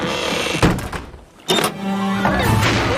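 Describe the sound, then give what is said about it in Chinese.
A hatch door on the boat Flounder is shut with a heavy thunk, followed by a second solid clunk about a second later as it locks before setting off for Seal Island, with a low mechanical hum continuing underneath and no talking. “啊，糟糕，出发去海豹岛之前我最好还是先锁好舱门。”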